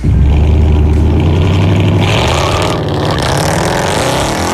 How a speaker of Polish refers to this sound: Taki piękny silnik miał, tak to brzmiało.